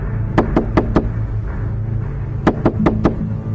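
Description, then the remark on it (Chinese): Two bursts of four firm knocks on a door in an old residential building, evenly spaced, with a short pause between the sets. The knocking is clear, with no voices. “急匆匆地走进楼内，看了看手中的门牌号码，停在一扇门前，犹豫了一下，还是伸手敲了门。”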